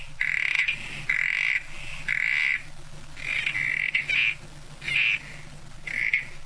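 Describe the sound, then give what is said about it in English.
Southern corroboree frogs call at Kosciuszko National Park near the New South Wales-Victorian border, in a steady run of short, buzzing squelches, several overlapping so the calls come almost continuously, clear over a low background rumble. “Yeah, it's a frog, but it is a special frog.”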